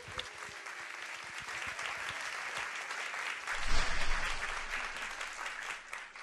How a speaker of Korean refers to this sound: 큰 박수로 환영해 주시기 바랍니다.